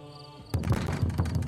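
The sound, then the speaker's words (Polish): A low, steady hum gives way to loud, heavy banging on a door: about six dull, booming thuds in quick, uneven succession, with no voices. “Nagle walenie w drzwi.”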